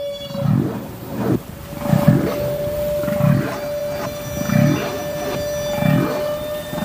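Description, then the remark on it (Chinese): Underwater sounds of a large toothed whale blowing bubbles: a steady sustained tone runs throughout while low, bubbly bursts pulse in a regular rhythm about once a second, fairly loud and with no talking. “科学家们首先分离出了大齿鲸吐气泡的声音。”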